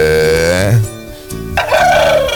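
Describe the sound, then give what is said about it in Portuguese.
A single hoarse rooster crow at 5:17, loud, starting with a strained, tonal call that breaks into a rough, raspy rattle as it trails off. “O gato tá bem rouco.”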